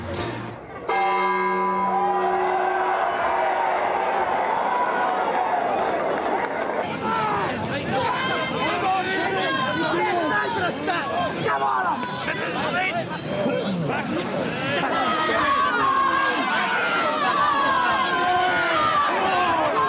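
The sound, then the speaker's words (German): A church bell strikes 1 p.m. with a steady, resonant tone for several seconds, marking the throw-in, then a dense, loud crowd takes over: many voices shouting and chattering at once at the Bargame, a mass street football game in Kirkwall played on Christmas Day and New Year's Day. “Zweimal pro Jahr, am ersten Weihnachtsfeiertag und am Neujahrstag, wird in Kirkwall Massenfußball gespielt, das Bargame.”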